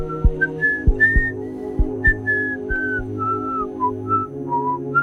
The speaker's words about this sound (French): Il est allé replacer le cœur de Kim au bon endroit dans sa poitrine, puis il est parti en sifflotant.